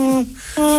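A little owl hoots twice in quick succession, two steady, fairly loud tonal notes separated by a brief pause, with no talking over them.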